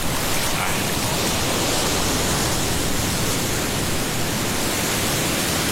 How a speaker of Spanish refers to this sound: Viene la ola, la ola, la ola. Oiga, qué delicia como se escuchan estas olas. Yo me siento en el mar cuando escucho esto, ¿ah?